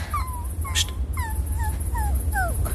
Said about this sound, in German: Hörst du das? Was? Ein Winseln. Ja, jetzt höre ich es auch. Hier, auf dem Weg. Ein Hund. Ach du Scheiße, bestimmt ein Spürhund.